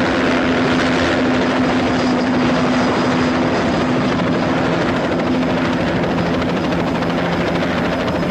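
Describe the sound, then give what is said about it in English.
A helicopter roars loudly and steadily as it flies past a window, its rotor chop and engine whine filling the whole stretch with no pause and no voices. “At the window, he hits a button to open the shades where the chopper flies past.”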